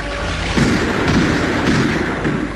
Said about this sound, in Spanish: Calimán bogaba vigorosamente tratando de no ofrecer blanco firme a los disparos, pero no podía evitar que las balas perforaran la canoa.